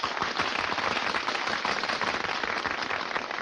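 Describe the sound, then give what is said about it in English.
A crowd applauds steadily, many hands clapping in a dense, continuous wash of sound that stays loud and even throughout, with no voices standing out. “Hey, they're applauding us.”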